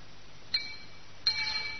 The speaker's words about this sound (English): Just go easy with that banging, lad, will you please? I'm on the phone. Hello? Yeah, oh, yes, it's the workmen demolishing the old cells for the rebuilding.